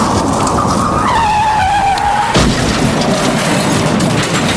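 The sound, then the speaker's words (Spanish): A car brakes hard on a road, too late, its tires letting out a loud, sliding squeal that drops in pitch for over a second, then a heavy thump cuts it off amid steady engine and road noise. “Un conductor que se despista, un motorista que aparece de repente, un peatón que cruza sin esperarlo, o un frenazo, lo que sea, que llega demasiado tarde.”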